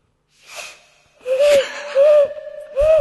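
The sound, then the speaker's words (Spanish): A voice imitates an owl with three breathy, hooting calls in a steady rhythm, each a short rising-and-falling tone, with a soft airy intake before the first. “Este es el búho.”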